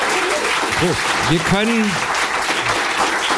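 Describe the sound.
Steady, dense applause fills the whole clip, with a few brief voices calling out or whooping over the clapping midway through.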